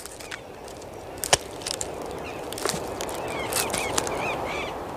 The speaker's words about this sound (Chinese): 与此同时，哒哒哒的敲击声不绝于耳，响彻整个森林。声音来自智利南洋山熊树高耸的树冠。这哒哒哒的敲击声是南美最大的啄木鸟——阿根廷啄木鸟的节奏狂想曲。